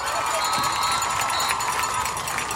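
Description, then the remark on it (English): A large audience cheers and applauds for the Hallsville High School Bellcat Bells in a dense, steady roar of clapping, with high shouts and whoops riding on top for the full few seconds. “Ladies and gentlemen, let's hear it one more time for the Hallsville High School Bellcat Bells!”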